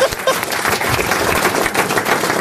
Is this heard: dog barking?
no